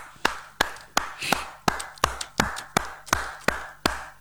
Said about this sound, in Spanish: Sí, claro que me lo voy a permitir. Voy a aplaudirte.